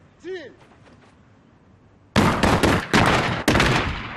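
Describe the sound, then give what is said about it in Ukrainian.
A short shouted command, then after a pause a volley of loud rifle gunshots during shooting range training: several sharp cracks in quick succession with ringing tails, a group firing together on command. “постріл виключно по команді.”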